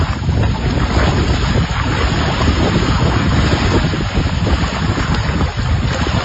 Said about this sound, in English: I have shared a post from the Lake Diefenbaker Tourism Group, along with the Water Security Agency at Lake Diefenbaker, with video of the water flowing. The Gardner Dam spillway opening up yesterday.